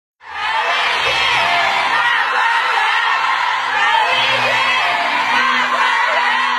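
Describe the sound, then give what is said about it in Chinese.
A theatre audience at Shanghai Culture Square cheers loudly and without pause as the Yue opera 'My Grand View Garden' ends, a dense wall of voices calling the performers' names, with whoops rising over a steady roar, starting abruptly and holding for about six seconds. “当越剧《我的大观园》演出落幕，观众持续鼓掌，呼唤演员姓名的声音响彻剧场。”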